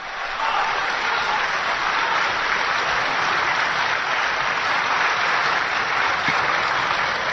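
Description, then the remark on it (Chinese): Sustained audience applause at the live December 2007 performance marking Ma Zhiming's 50th anniversary on stage, heard after the crosstalk piece 'Kua Zhuzhai'. A dense, steady wash of clapping starts almost at once and holds at a loud, even level for about seven seconds, with no voices standing out. “这一晚上，您鼓掌都够累的， 可不是吗？”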